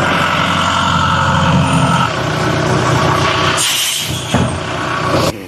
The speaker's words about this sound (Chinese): 由于车辆长期没有启动，也没有管理，车辆电源已经打不着火，干瘪的轮胎也没法挪动， 现场由拖车先行脱离，再进行后续处理。